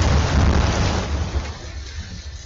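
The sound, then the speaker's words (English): Steady rain hisses beneath a deep, rolling rumble of thunder that is loud at first and gradually fades, leaving softer rainfall by the end. No voices are heard. The rains flooded streets across part of Greater Accra, Ghana. “When the rains came, they left more than flooded streets.”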